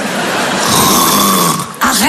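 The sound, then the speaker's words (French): A person snores loudly: one long, raspy, throaty rattle that holds for well over a second, then breaks off and starts again with a short snort. “Bah tu ronfles un peu chérie, ça m'étonnerait, je dormais pas.”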